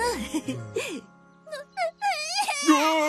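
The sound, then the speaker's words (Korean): A baby whimpers and cries in short, high-pitched wavering bursts, fairly loud, with a brief quiet pause in the middle before the crying picks up again. “계속할 테니까 울지 마.”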